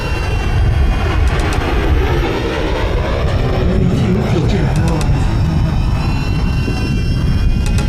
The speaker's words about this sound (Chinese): 这儿经常有飞机？ 经常有。 敌人是要空投啊，这是在飞行侦察。